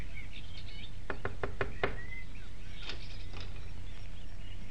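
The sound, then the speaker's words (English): Five quick knocks on the wooden front door of a shack at the Moon Chicken Farm, a steady clear burst, with birds chirping faintly outdoors and a low background rumble. “The gate was open, and seeing no one about, he made his way up to the front door of the shack and knocked.”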